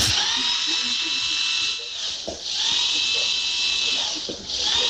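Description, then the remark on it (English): A high-pitched dental drill whirs continuously, its whine dipping briefly twice as the load changes, with faint clicks and low mechanical noise beneath. “Oh, it's the dreaded drill.”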